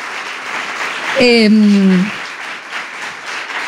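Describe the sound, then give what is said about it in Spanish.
A theatre audience at the Teatro del Barrio applauds in a steady, dense wash of clapping, and a single drawn-out vocal cheer with a falling pitch rises above it briefly partway through. “Bueno, igual ya tampoco tanto aplauso porque la verdad que venimos perdiendo todas.”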